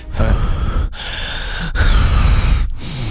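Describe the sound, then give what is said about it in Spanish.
A voice imitates heavy breathing right up close to the microphone: about four loud, rasping breaths in and out, each separated by a brief pause. “Como que ya nos respira aquí en la oreja, ¿no? Ya nos está respirando.”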